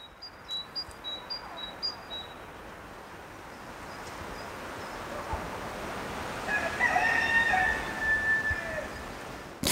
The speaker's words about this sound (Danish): det er naturskolens egne høns. Herr Hane og hans 6 koner, der bor lige herovre ved siden af. Han er jo sådan lige ude at markere